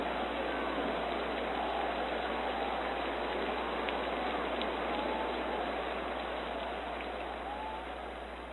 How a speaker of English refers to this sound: If you're listening on WSLP, you can just enjoy the rain